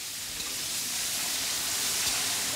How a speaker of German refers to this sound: Das Fleisch brät Malika Sultanovna in reichlich Öl scharf an.